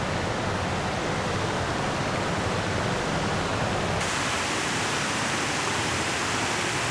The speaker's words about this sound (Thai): หลายจุดไม่ใช่น้ำตกใหญ่โตอลังการแค่สายน้ำเดินทางมาถึงบริเวณต่างระดับแค่นี้ก็เกิดน้ำตกแห่งเล็กแห่งน้อยแต่ก็เป็นจุดสำคัญเพราะการไหลกระแทกเกาะแก่งสร้างฟองมากมาย